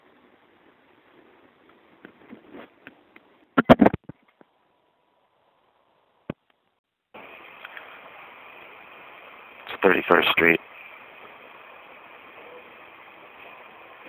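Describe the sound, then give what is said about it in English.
After a few spoken words, a loud, steady roar of an elevated train suddenly starts overhead, swelling to a harsh peak midway and continuing to the end. “I think the resonance comes from the sudden noise of the train overhead, followed by the sudden silence after it leaves.”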